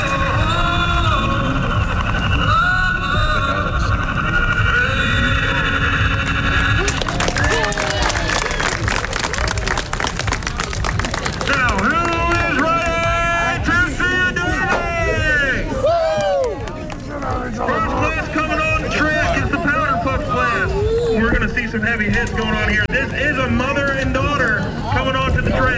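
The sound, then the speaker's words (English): A loud, dense roar of a cheering crowd mixed with revving, growling engines at a demolition derby at the Lucas County Fairgrounds on the outskirts of Toledo, Ohio, on a sultry Saturday afternoon, with a sudden surge of noise partway through and shifting engine pitches rising and falling above the din. “You heard that right. We're at a demo derby.”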